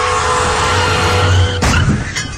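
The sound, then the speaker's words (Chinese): Car tires screech loudly under emergency braking at 60 km/h in a sustained squeal of about a second and a half, then a sudden harsh burst of noise cuts in and rumbles on. “一旦遇到紧急情况，刹车至少需要二十米。”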